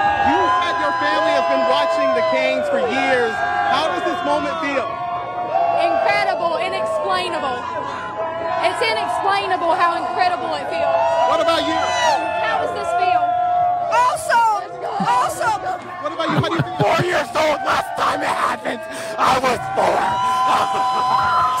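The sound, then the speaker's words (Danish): Loud, dense crowd of Carolina Hurricanes ice hockey fans in North Carolina cheering and celebrating the club's Stanley Cup win over the Vegas Golden Knights, with overlapping shouts, whoops and screams, a few sharp bursts and claps breaking through the continuous roar. “Og derfor så var der jo altså også rigtig glade fans i North Carolina i nat.”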